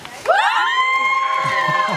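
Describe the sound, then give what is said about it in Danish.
An audience bursts into loud, sustained shouting and cheering to vote on which song to hear, a single drawn-out collective roar that starts abruptly and holds steady for a couple of seconds. “Må vi se, hvor meget I er med til at råbe her.”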